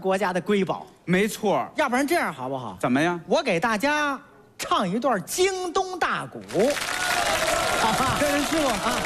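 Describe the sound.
A voice sings a melodic line, then an audience bursts into loud, sustained applause, a dense wash of clapping that carries on steadily for the last few seconds.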